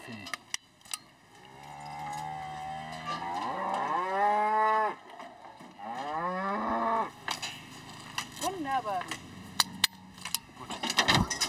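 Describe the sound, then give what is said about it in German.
An Angus bull moos in a few long, drawn-out bellows that rise and fall, followed by a shorter low call, with scattered metallic clicks and rattles near the end as new ear tags are clicked into the old holes in its ears. “Der Angusbulle hat seine Ohrmarken verloren.”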